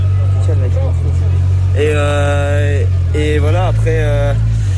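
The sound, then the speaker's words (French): A motorcycle engine drones loudly and steadily throughout, a low continuous rumble that shifts pitch slightly near the end, while a voice speaks over it in short bursts during an interview. “j'espère que c'est pas la moto de Jean-Marc là qui a fait un boucan terrible”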